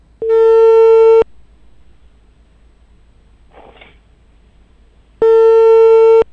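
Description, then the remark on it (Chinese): A telephone ringback tone: two loud, steady, buzzy tones about a second long each, separated by roughly four seconds of near silence, as a call to the housing and construction bureau of Kun District, Baotou, waits to connect. “电话已经拨出了，我们等一等啊。”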